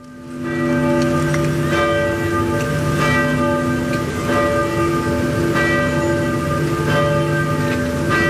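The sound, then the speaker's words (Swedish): Church bells ring out continuously and loudly in several places in Norway to honor the late King Harald, several overlapping peals with repeated strikes blending into a sustained, resonant wash of tones. No voices are heard. “Ja, kyrkklockorna har ringt på flera håll i Norge för att hedra den avlidne kung Harald som blev 89 år.”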